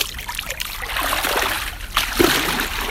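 Continuous sloshing and splashing of shallow, warm, clean lake water as someone wades slowly barefoot into the Krumme Lanke lake, with a couple of slightly louder splashes near the end.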